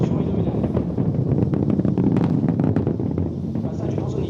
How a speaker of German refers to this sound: Fast eine halbe Minute dauert es, bis auch der Donner der gewaltigen Treibladungen über fast 8 Kilometer bis zum nächstgelegenen Beobachtungspunkt außerhalb eines weiten Sperrgebiets herübergerollt ist.